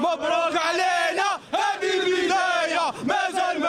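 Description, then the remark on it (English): A huge stadium crowd roars and chants together in a loud, sustained surge of voices, dipping briefly twice before swelling back to full volume. “Listen to the crowd. It's as if Morocco has won the World Cup.”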